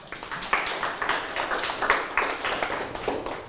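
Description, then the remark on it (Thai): A group of students clapping their hands together, a steady patter of many overlapping claps lasting a few seconds at moderate loudness, with no talking. “โอเคปรบมือให้พ่อด้วยครับ”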